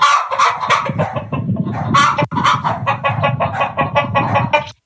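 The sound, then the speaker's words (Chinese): Chickens cluck loudly and continuously in a busy, overlapping chorus of short, bright calls, with no talking over them; any dog barking is hard to pick out among the clucks. “结果呢，呢啲鸡同狗都一起飘咗上天空，一时之间向空中嗰啲云里边传嚟鸡叫声、狗叫声。”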